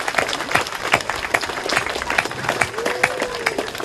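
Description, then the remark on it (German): Steady audience applause, dense overlapping claps sustained throughout, with a faint voice or whistle-like tone briefly rising underneath near the end. “Nochmal bitte. Danke für den Applaus.”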